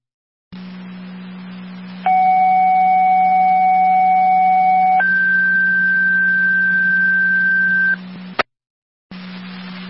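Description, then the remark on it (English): Two-tone fire dispatch radio paging tones calling a driver to the hall: one steady tone for about three seconds, then a higher tone for three more, over a constant low hum and radio hiss, ending with a brief click. “Control, track community, second tones, driver requested to the hall.”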